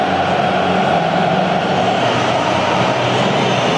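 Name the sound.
stadium crowd whistling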